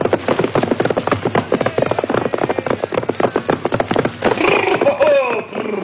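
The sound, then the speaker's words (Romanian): Rapid, clattering hoofbeats of a ridden horse pound in a steady gallop for several seconds, then the horse lets out a high, wavering whinny that slides downward as the hooves fade. “Uite, încalic pe cal și mă opresc în fața boierului.”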